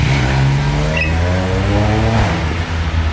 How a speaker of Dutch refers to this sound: Maar ik ben nu al een paar keer geprobeerd af te stappen op die motor om te vragen waarom ze dit doen. Maar zodra ze mijn microfoon zien, dan geven ze nog meer gas en rijden ze weg.